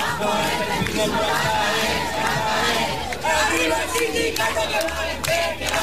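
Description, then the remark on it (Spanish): A large housing protest crowd in Spanish cities, including some 70,000 people in Madrid, roars and shouts continuously while thousands of keys are shaken overhead, a bright metallic jangling shimmering through the steady din of voices. “70.000 personas salieron en Madrid a la calle y de nuevo miles de llaves agitándose hasta el cielo de muchas ciudades españolas. Es el sonido de esta protesta, el sonido de las llaves agitándose.”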